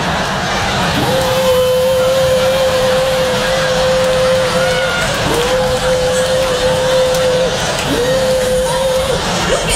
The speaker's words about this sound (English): You see the man coming through with the leaf blower.